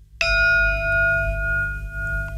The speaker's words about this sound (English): So the format is we walk from Glada Hall, and once we arrive at the steps, we drop into stillness. So we sound a gong.